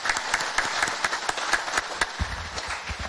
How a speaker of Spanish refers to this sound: Muchas felicidades a los niños y niñas. Yo creo que se merece un fuerte aplauso por el Día de los Niños en Paraguay.